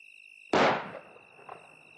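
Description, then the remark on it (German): A single sharp gunshot from a house cracks out and rolls away in a reverberant tail with a faint echo, while insects chirp steadily in the quiet background. “War das ein Schuss? Der kam vom Haus.”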